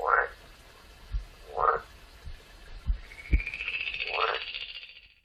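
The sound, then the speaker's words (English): Three short, throaty croaks from a frog in a pond sound at spaced intervals, with soft low thumps between them and a thin, high, sustained chirping tone that rises in the second half. “In his pond live a frog and a toad and a newt.”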